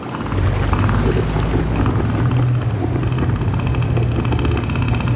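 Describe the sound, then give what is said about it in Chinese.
A male northern elephant seal, inflating its huge nose, roars in a loud, deep, rapidly pulsing rumble that throbs steadily for several seconds with no break and no voices. “它们鼓起巨大的鼻子，发出低沉而响亮的吼声。”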